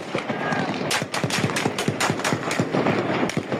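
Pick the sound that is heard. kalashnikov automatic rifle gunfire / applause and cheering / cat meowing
kalashnikov automatic rifle gunfire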